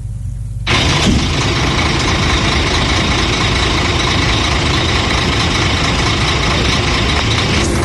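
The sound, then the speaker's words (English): Vehicle engines idle in congested traffic on the Accra-Takrade Highway at the Weja SEC section, where silt and flood water from early Tuesday morning rains blocked the Accra-bound lanes, forcing motorists into the westbound carriageway: a steady low rumble with a broad hiss that starts abruptly under a second in and continues unchanged, loud, with no one talking. “The eastbound and Accra-bound lanes have been blocked to traffic, forcing motorists to squeeze into the westbound carriageway, creating congestion and traffic chaos.”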